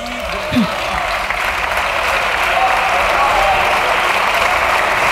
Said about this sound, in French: Ça applaudit.